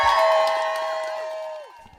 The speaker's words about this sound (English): That was a sound as supporters got the word there were no more dogs at Ridgeland Farms in Dane County. There were cheers, and Greg, I also saw tears. There were people who literally had tears coming down their faces.